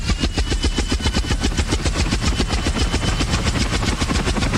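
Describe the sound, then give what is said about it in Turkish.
A loud, rapid rhythmic chopping drone of a propeller aircraft engine, steady, with dense evenly spaced pulses throughout and no voices. “Yoksa uçağın bu mu ha?”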